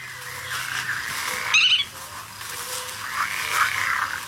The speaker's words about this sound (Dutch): Ja, dat is de grutto.